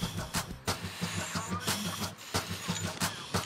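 Chimney sweeping with a steel ball dropped about 13 meters down a chimney and pulled back up: a rapid series of sharp, rattling knocks and scrapes repeats in an uneven rhythm, roughly two or three per second, over a steady low rumbling hum.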